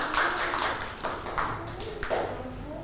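A small group of children clapping their hands together, a quick scattered patter of overlapping claps that keeps going steadily for a few seconds, fairly close and moderately loud.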